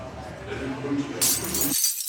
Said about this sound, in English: Oh, what the heck? Cracked windshield?